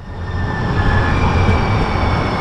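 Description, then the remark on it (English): A train rumbles steadily along the rails, loud, with a dense low roar, faint metallic clacking and a thin high whine running through it. “The sounds of your commute may include shrieking brakes or a clacking train, but in San Francisco, one man turns that into music.”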